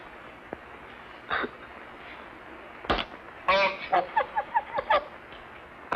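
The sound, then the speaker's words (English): A bird honks in a quick run of about half a dozen nasal, stuttering calls, fairly loud, after a sharp knock and a brief squawk against a steady background hiss. “The strangest bird I ever saw.”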